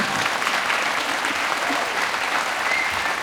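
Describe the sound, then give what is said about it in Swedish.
Sustained applause from a large audience at a theatre in Stockholm, at a radio channel P2 evening celebrating Bach and his friends, a dense, steady wash of many hands clapping at even loudness throughout, full with no voices standing out. “Kommande 2 timmar, en applåd.”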